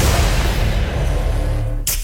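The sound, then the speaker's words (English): A soft drink can cracks open with a single sharp pop and brief hiss near the end, following a stretch of loud, dense rumbling noise. No one speaks. “Soft drink? Yeah, it's a softie.”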